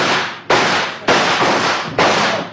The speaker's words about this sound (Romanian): Vom încerca să-i alungăm trăgând asupra lor.